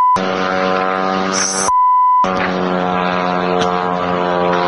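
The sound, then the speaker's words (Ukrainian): A loud, droning propeller engine of an attack drone buzzes steadily close overhead near Moscow, Russia, its harsh whine cut briefly by a short break before resuming just as strong. No one speaks. “Вот он, гадюнок, що він над головою.”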